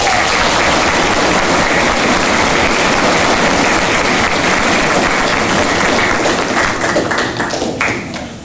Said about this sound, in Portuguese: Eu peço uma salva de palmas.